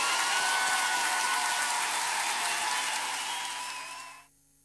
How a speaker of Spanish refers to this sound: Un aplauso para ustedes, muchachos.